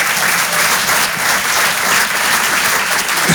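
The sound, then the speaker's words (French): Audience applause, a dense steady wash of many hands clapping at a fairly loud level for about three seconds, with no speech over it. “Donc on va recommencer et ça, ça mérite un applaudissement.”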